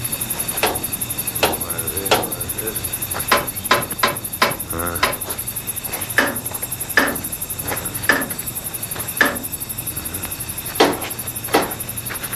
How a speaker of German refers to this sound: nahm einen besonderen Hammer heraus und beklopfte vorsichtig und schweigend jedes Rad und jede Schraube an der alten Emma